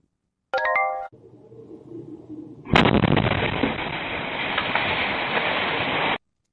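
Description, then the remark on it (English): A brief electronic tone and a low hum give way to the sudden, loud blast of a house exploding in a northern Ohio neighborhood, followed by several seconds of sustained roaring rumble before it cuts off abruptly; nobody speaks. “Fire investigators in Ohio are looking into what triggered a house explosion that left two people seriously injured.”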